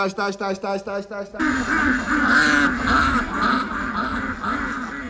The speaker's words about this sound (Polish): Przebóg, ten idiota zwabił kaczki z całej okolicy.